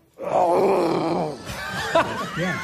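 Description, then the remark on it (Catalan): A person's voice imitates a lion's roar at a hotel in Sitges: a long, loud, rough growl held for over a second, followed by a few shorter, rising and falling rasping growls. “Comencem pel lleó. D'acord? Imitació del lleó.”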